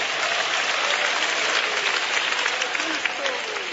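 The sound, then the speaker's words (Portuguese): An audience claps steadily in sustained applause for Jesus, giving glory to the Lord, a dense wash of many hands, fairly loud, with faint voices mixed in beneath the clapping. “Mas é para Jesus as palmas, batam palmas e dê glórias ao nome do Senhor.”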